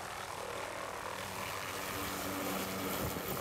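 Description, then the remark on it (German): A helicopter's steady rotor and engine roar at its takeoff spot at 6:36 in the morning, as it flies people and then their packed luggage up to an alpine pasture; broad and continuous, growing slightly louder toward the end with no voices. “Der Hubschrauber holt erst einmal sie und dann ihr Gepäck.”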